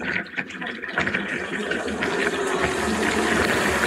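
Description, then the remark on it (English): Water sprays steadily from a shower head as a woman rinses scrubbed-off dead skin from her arms, a dense, continuous hiss that grows a little fuller after the first second and keeps pouring without pause, in a bathhouse with tiled walls and rows of seated showers. “I'd watch her scrub away at her arms, revealing clumps of dead skin cells, and then she'd wash it all away with the shower head.”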